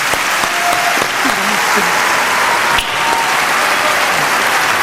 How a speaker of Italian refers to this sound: Vieni Giovanni, vieni, prenditi l'applauso del tuo pubblico. Grazie. Bravissimo.